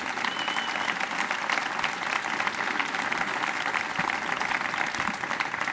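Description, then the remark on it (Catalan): Steady audience applause for two musicians, one on drums and one on cello, a dense, even wash of many hands clapping at once with no voices standing out above it. “I per favor, un aplaudiment en aquests dos musicassos, amics i companys.”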